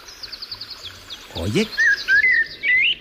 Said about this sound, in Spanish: Hola, amigo Mirlo, ¿nos escuchas? A ver. ¿Estás ahí en la azotea, Mirlo? Parece que sí, ¿no?